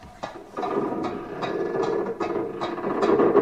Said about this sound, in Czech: Právě přijel padací most.